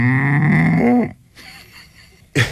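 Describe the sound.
A person imitates a cow with one loud, low, drawn-out moo lasting about a second, followed by quieter sounds and a brief burst at the end.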